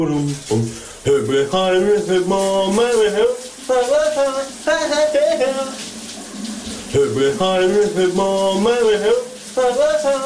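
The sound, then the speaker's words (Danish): A shower runs with a steady, hissing rush of water while a man sings a morning song along from his shower cabin, phrases rising and falling with short pauses between lines. “han jo har det med at synge lidt med fra sin brusekabine.”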